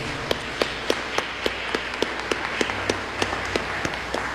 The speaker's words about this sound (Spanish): Recibámoslos con un aplauso.